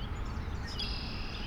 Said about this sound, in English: I hear lots of red-winged blackbirds. All those birdie sounds you're hearing? Fafrit! Fafrit! Yeah, red-winged blackbirds.